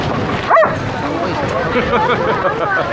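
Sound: dog barking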